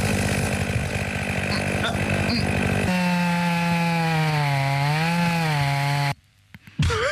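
Wood being sawn, first a coarse rasping scrape with rapid strokes, then a steady buzzing drone that wavers slightly in pitch before cutting off abruptly into near silence and a short final burst.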